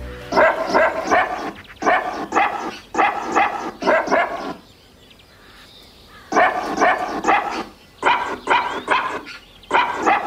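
Barks of a dog named Waldi are chopped and arranged into a melodic, rhythmic tune for HR4's 'Stars auf vier Pfoten' radio feature, bursts of pitched barking repeating in phrases with a short quiet gap midway, loud.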